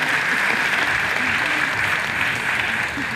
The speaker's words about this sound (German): Direkt danach brandet zum ersten Mal Applaus auf. Aus allen Ecken des Parks, in denen es sich die Menschen auf mitgebrachten Campingstühlen oder Picknickdecken gemütlich gemacht haben.